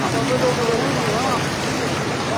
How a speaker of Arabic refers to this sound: إذا مشاهدينا، كما أشرنا مسبقا، قوة دفع المياه أخرجت الجسر الترابي عن الخدمة بشبه كلي، لكن كيف يبدو المشهد عن قرب؟ نتابع هذه المشاهد في هذه المادة. ما شاء الله قوة المي. يا قوة المي من عند الجسر الترابي.